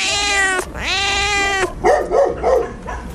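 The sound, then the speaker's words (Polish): Cats meow loudly at the Dolina Dolistówki animal shelter, home to about 150 cats: two long drawn-out wails in a row, then a quick series of shorter, rougher cries, with no one talking. “Placówka jest domem dla około 100 psów i 150 kotów.”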